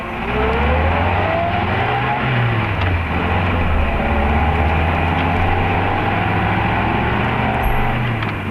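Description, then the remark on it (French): A car engine hums loudly and continuously as the car pulls over and stops because a bee is inside, its pitch dipping and shifting as the vehicle slows, with no voices present. “Mais pourquoi t'arrêtes-tu ? Il y a une abeille dans la voiture.”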